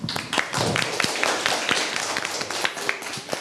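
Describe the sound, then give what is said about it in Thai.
A classroom of people clapping their hands for group 4 after its presentation, a dense, steady patter of many sharp overlapping claps that stays fairly loud for a few seconds, with no talking. “ขอเสียงปรบมือให้กลุ่มที่4ด้วยครับ”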